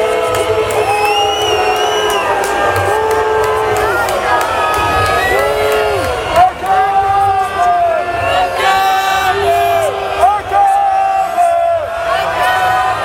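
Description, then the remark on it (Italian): A loud protest crowd shouts and chants slogans such as "ACAB" continuously, with piercing whistles at a passing riot police column rising above the many overlapping voices for the whole stretch. “Ci spostiamo perché c'è una colonna antisommossa che sta passando, ovviamente tra i fischi lo sentite.”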